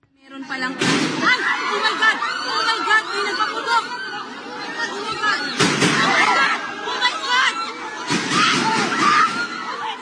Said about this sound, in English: Now, despite the gunshots, Mr. De La Rosa escaped.